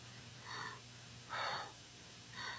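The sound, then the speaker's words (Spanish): Heavy, rapid breathing of a woman: three rasping breaths about a second apart, fairly quiet over a low steady hum, with no one talking. “la respiración de la señora es muy acelerada, el pulso.”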